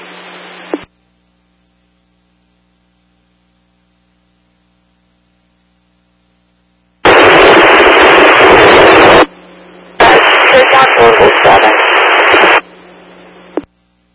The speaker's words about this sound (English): Portable 7, dispatch on. Portable 7, you are completely static and unreadable.